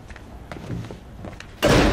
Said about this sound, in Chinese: 关门。